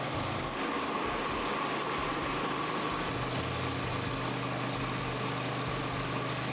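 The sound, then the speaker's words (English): A concrete floor grinder runs continuously as it goes slowly over a concrete floor, a loud, steady motorized drone with a low humming rumble and broad grinding hiss, no voices present. “Well, now it's just a matter of going slow and steady, but look at the difference in the floor after the grinder has gone over it.”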